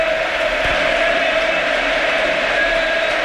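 A stadium crowd at Camp Nou gives a sustained ovation as Barça player Pedri leaves the pitch in his 250th match for the club, a loud, steady wash of applause and cheering that holds at an even level throughout, with no voices standing out.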